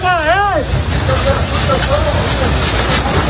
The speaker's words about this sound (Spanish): Ahí podemos escuchar a los equipos de la Unidad Militar de Emergencias peleando casa por casa, defendiendo, trabajando sin descanso para proteger a la población y sus viviendas.